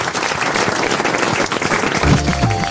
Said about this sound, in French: On vous applaudit.